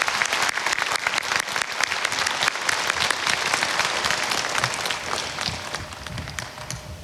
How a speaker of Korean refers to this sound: 네, 우리 모두를 응원하는 감동적인 무대였습니다. 모든 출연진들께 다시 한번 큰 박수 부탁드립니다.